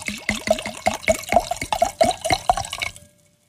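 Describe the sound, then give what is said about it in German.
Wine glugs from a bottle into the first glass of a tasting, a quick run of about a dozen clear gurgling pulses, ending abruptly after three seconds. No one speaks. “Dann gieß doch mal ein”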